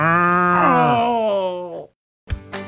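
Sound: cow mooing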